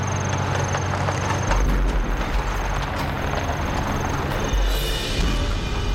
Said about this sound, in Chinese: 卡车， 好像是日本人的卡车。